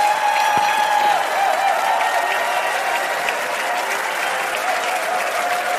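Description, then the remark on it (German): A large audience at an ARD television show applauds loudly and steadily after a performance, a dense wash of clapping that holds at full strength for several seconds without letting up. “Und da gibt es einen riesen Applaus”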